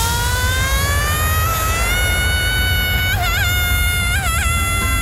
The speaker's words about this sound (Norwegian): Tusenfryd presenterer Dagens skrik.